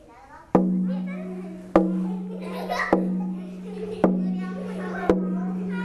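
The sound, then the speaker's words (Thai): A teacher taps a steady, slow beat of five evenly spaced taps for a class of children following a leader's moves, each sharp strike leaving a brief low ringing tone, while children's voices chatter softly underneath. “ผู้นำพร้อมนะคะต้องเป็นท่าที่เพื่อนทำตามได้ด้วยนะลูกเปลี่ยนจากนั้นจะเริ่มเคาะแล้วนะคะ”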